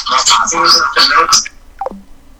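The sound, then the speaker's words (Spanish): Muffled voices and music from a caller's stereo over a telephone line cut off abruptly as the caller hangs up, followed by a few brief electronic phone-line tones that drop quickly in pitch, then near silence. “Ah, mejor me colgó. En vez de bajar el estéreo, me colgó a mí, mira.”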